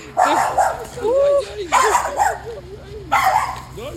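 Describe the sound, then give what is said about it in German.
A dog being walked by a woman barks in three loud bursts spaced about a second and a half apart, with softer whiny, tonal sounds drifting between them over a low steady background hum. “Hier geht eine Frau Gassi mit ihrem Hund.”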